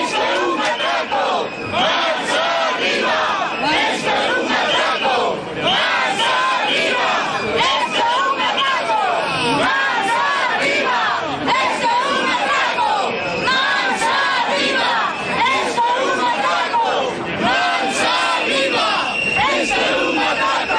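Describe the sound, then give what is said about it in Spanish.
A large morning protest crowd in Galicia, with police present, shouts slogans together, including "Esto es un atraco", a loud, dense wall of voices that rises and falls in chant-like bursts and keeps going without a break for the whole stretch. “Esto es un atraco, gritaban.”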